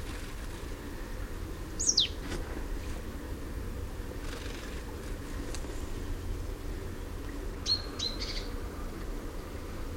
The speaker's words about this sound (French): Oh, c'est une charbonnière, je crois. Oui, mélange charbonnière.